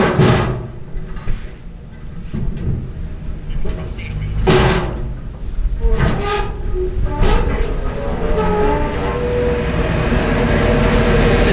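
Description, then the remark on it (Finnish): The car ferry Finnö pulls in to the Ruslaks ferry pier in Houtskär, Parainen, on a windy summer day: a steady, deep engine rumble and wind noise, broken by a few sharp metallic clanks and bangs over the last seconds, with no one speaking. “Täällä vähän tuuleksi ja tuolta saapuu Finnö-alus ihan justiinsa laituriin.”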